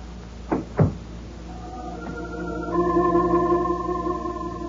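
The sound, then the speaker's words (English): A door shuts with two quick, solid thuds, followed by a low, sustained musical drone that swells and holds to the end. “The door closed, and I was alone.”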